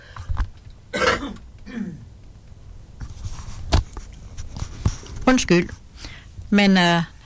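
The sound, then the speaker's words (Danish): A person calling out numbers coughs and clears their throat several times in uneven bursts, some sharp and breathy, others rougher and voiced, ending with a longer, strained throat-clearing. “Nu skal jeg lige hoste.”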